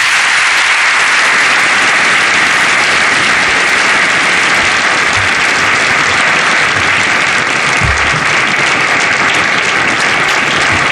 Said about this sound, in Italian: Sentite l'applauso delle autorità, delle realtà religiose, imprenditoriali, diplomatiche che sono presenti nel Salone delle Feste dell'Eliseo al discorso pronunciato dal Papa, che in questo momento viene salutato dal Presidente Macron.